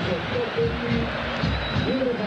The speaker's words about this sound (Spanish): Sí, Giovanni Cantizano, camiseta número 26, se retira con la 88, Alan Rodríguez, y va a ingresar, y hago silencio para que escuchen los aplausos por Marco Rubén.